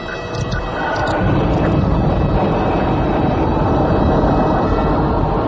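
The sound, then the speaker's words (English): A spacecraft engine ignites and roars into a jet takeoff, the dense rumble swelling over the first second, then holding loud and steady. No voices are heard. “jet toward the Diatom star city, Imbria”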